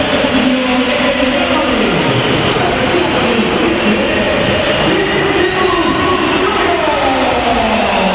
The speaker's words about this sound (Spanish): Se marcha Vinicius, minuto 86. A ver, hay que oír. Alto, Miguel, hay que oír. Bella pitada.